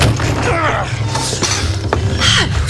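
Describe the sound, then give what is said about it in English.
A door creaks slowly open, its hinges groaning in long, wavering squeals, with a couple of sharp wooden clunks along the way, all over a steady low background rumble. “Open the door.”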